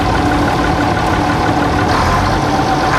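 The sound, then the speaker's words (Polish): A Bizon combine harvester engine runs steadily and loudly while the combine is driven in third gear at about 15 to 27 km per hour, a constant low mechanical rumble and drone with no pauses and no voices. “Jeśli chodzi o Bizona, no to tutaj prędkościowo mamy 15 do 27 nawet na godzinę. Mamy trzy biegi, jedziemy generalnie na trzecim biegu cały czas.”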